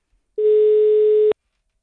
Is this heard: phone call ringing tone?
yes